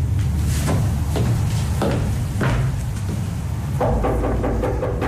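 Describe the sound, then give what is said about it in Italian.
A series of loud, evenly spaced knocks on a wooden door late at night, repeating at a steady rhythm over a low background rumble, with no voices. “Chi è che bussa a quest'ora?”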